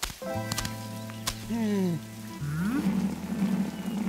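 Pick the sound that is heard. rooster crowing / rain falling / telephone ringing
rain falling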